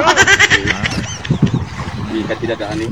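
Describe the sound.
A boat motor drones steadily, its rough engine noise running continuously beneath people talking loudly over it.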